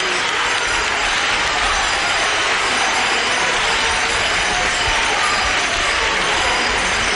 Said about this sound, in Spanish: ahí escuchamos ahora esos aplausos, esos llantos, esos vivas, esas campanillas sonando, ese momento en el que solo las miradas están puestas en ella, están puestas solamente en ella.